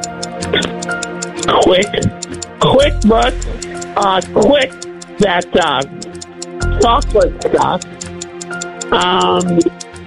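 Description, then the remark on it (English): A countdown clock set to 10 seconds for a word game round ticks steadily and evenly, about twice per second, running the whole time beneath animated, overlapping voices of people talking fast. “All right, I got 10 seconds on my clock.”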